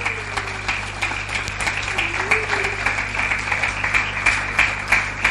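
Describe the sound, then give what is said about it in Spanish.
A crowd applauds steadily, giving a round of applause to the Lord, with dense overlapping claps at a fairly loud, even level, a low hum underneath and a few faint voices mixed in. “Denle un aplauso al Señor, claro que sí.”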